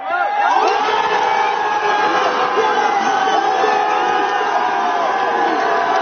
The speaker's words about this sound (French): Ce que vous entendez, c'est l'ambiance de la fan zone de Strasbourg au jardin des deux rives.